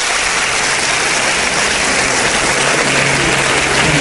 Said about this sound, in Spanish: El aplauso de todos.